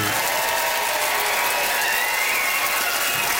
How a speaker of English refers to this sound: Nice love, some nice organized applause there.